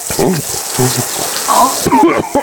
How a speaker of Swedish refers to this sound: Waterboarding, det lät så här. Nu kommer vi över mun och näsa. Nu, ja, här kan vi höra.